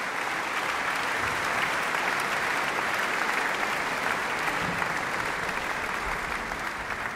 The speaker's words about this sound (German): Er ist noch einmal auf die Bühne gekommen, kurz ans Dirigentenpult getreten und hat auch noch einmal den Applaus des Publikums hier im Saal entgegengenommen.